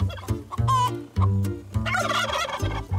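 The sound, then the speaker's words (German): Several turkeys kept on a farm to guard the chickens gobble loudly and repeatedly, their rapid, warbling calls overlapping in a noisy chorus with no one speaking. “Das sind jetzt unsere Türsteher, die hier so laut gackern, schreien.”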